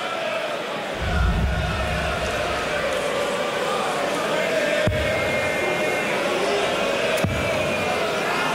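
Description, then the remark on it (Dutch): A loud arena crowd cheers and roars continuously in a dense, sustained wash of noise after a darts player's ton-plus checkout finished on the bullseye in a match against Sedláček, with a few sharp thumps punctuating the din. “Bullseye erin. Even juichen.”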